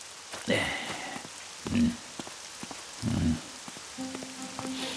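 storm with heavy rain

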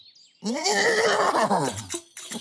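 horse neighing

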